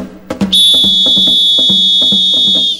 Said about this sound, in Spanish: Chifla más largo ahora.